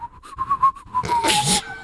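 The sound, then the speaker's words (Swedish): A person whistles an imitation of a sparrow's chirp: a quick run of short, pulsing whistled notes, then a longer, breathy, hissing whistle that trails off. “Gud, den sparven hade jobbigt. Han hade astma.”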